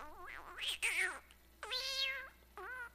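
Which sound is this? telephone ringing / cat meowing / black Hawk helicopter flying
cat meowing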